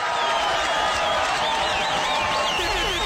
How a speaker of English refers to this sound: Let's clap some hands for us.